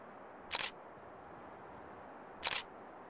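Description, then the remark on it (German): Two crisp shutter clicks from a remote-controlled camera photographing an owl, used with two flash units, about two seconds apart, stand out sharply against a quiet, faintly hissing background with no voices present. “Für das Engelfoto kommt wieder eine ferngesteuerte Kamera zum Einsatz.”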